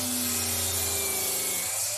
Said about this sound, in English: Oh, righto, yeah, that's a 184mm circular saw cutting through some PVC pipe.